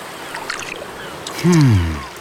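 Soft, faint watery patters and light clicks, like tiny steps splashing in water, made by a sea star, scattered over the first second, followed by a louder low, falling groan-like tone near the end.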